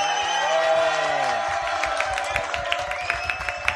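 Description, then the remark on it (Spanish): An audience breaks into applause for a woman who answered a question, after a moment of raised voices, the clapping building into a steady patter of overlapping hand claps that continues to the end. “Un aplauso a esa señora.”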